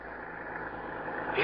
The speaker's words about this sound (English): Hey, it's a car out there.